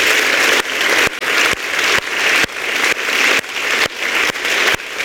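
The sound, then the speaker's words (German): Sustained applause from a poetry slam audience as the poets of the second round come onto the stage, a dense wash of clapping that stays loud and steady throughout, with brief dips between bursts and no voices heard. “Klatscht, bis ihr auf der Bühne sind.”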